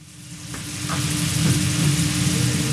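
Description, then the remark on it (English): Steak for Philly cheesesteaks sizzles steadily on a hot griddle at Nihonbashi Philly in central Tokyo, Japan, a dense crackling hiss that swells in the first second and then holds loud and even, with a low hum and faint clinks underneath. “Steak sizzles the same in South Philadelphia as it does in central Tokyo.”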